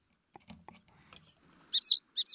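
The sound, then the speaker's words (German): Sparrows chirp in two short, bright, loud bursts near the end, after a moment of faint rustling and low murmur. “Ach, jetzt sind meine Spatzen irgendwie weg.”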